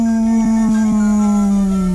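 A voice imitates a dog howling at the moon at night: one long, loud, steady howl held for about two seconds, its pitch sliding slightly lower toward the end, with no other talk.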